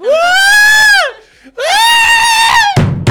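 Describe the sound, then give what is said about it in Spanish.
A person re-enacts the scream they gave on an amusement ride, giving two long, high, sustained shrieks with a brief pause between them, then a burst of noisy breath or laughter at the end. “¿Y el grito?”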